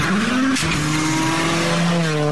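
Race car engines rev loudly and steadily, their high whining tones rising in pitch with a brief shift partway through, continuous with no talking.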